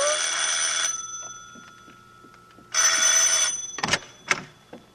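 A harsh, shrill bell rings in two bursts of just under a second each, separated by a pause, followed by a couple of sharp knocks and clatters.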